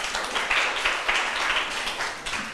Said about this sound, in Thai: ตอนนี้เสร็จแล้วเรียบร้อยนะคะนักเรียนปรบมือให้ตัวเองหน่อย